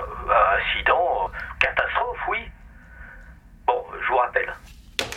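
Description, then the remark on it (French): A voice speaks in short bursts through a thin, band-limited telephone line, followed near the end by a sharp click as the president hangs up a red telephone handset. “La présidente raccroche le téléphone rouge et, inquiète, s'adresse au docteur.”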